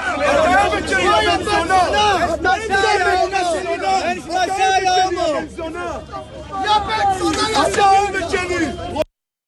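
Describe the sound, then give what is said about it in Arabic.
Loud stadium crowd noise captured on a phone: many voices shouting and chanting at once in a dense, continuous roar that barely dips before cutting off abruptly at the end. “نستمع إلى بعض الأجواء كما رصدت بالهواتف النقالة”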